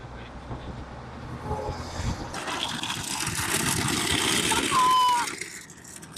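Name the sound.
bus driving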